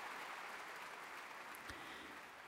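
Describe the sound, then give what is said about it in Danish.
Sustained applause for Nicola Benedetti from a large concert audience in the Berliner Philharmonien, Berlin, at a concert of 28 June: a dense, steady wash of many hands clapping at even loudness throughout, with no voices rising above it. “Og stort bifald til Nicola Benedetti her i Berliner Philharmonien.”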